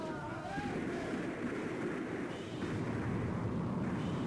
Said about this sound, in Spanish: La batalla es encarnizada. Entre aquel infierno de disparos, machetazos y embestidas de elefantes, Calimán sigue el rastro del jefe.